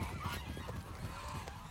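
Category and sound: bird, geese honking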